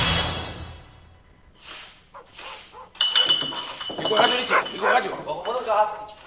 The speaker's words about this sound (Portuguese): Sai pra fora, cachorro!